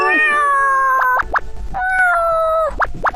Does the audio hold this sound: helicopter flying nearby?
no